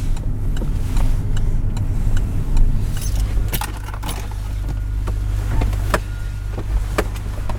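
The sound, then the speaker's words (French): A car with its turn signal on pulls in and parks on the port of Dunkerque: a steady low engine rumble shifts partway through, while sharp clicks and a light jingle of keys sound. No one speaks. “S'arrêter, ouais, ouais, ouais, je vais me garer là. J'avais déjà mis mon clignotant pour te dire.”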